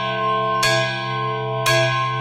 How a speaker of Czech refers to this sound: Jsou tu i větší. Třeba tento. Nebo zde. Já používám tento velký zvon.